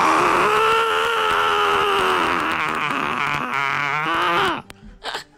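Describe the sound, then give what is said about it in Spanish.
A voice imitates the angry scream of Tronchatoro from Matilda, in the scene where she reaches the garden and cannot find Matilda: one loud, sustained cry with a strained, wavering pitch lasting over four seconds, then cutting off into a couple of short breathy sounds. “Y tengo el grito y todo cuando se enoja.”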